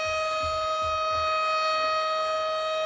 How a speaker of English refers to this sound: This siren's killing it. It's awful. Oh, I just don't know what to do with it. Just don't do it then. It's too late. It's done. Oh, my God. It just doesn't stop.